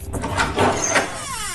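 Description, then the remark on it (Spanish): The door of a newly bought, plugged-in, empty refrigerator creaks open for lack of lubricating oil, a drawn-out, wavering squeak over a dull rattling rumble, lasting about a second and a half with no talking. “Eso digo yo, se echan de menos una cervecita fresquita y un poco de aceite lubricante en la puerta, que chirriaba como el ataúd”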